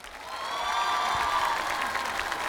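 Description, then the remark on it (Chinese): Sustained audience applause after two dance performances, with dense, steady clapping that swells slightly and holds at a loud level, with a hint of crowd cheering mixed in and no speech. “谢谢，来，掌声给他们。”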